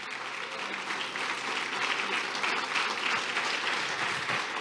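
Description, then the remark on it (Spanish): An audience claps steadily throughout, a dense, sustained wash of applause at an even loudness with no voices standing out above it. “¿Cuántos den un aplauso así?”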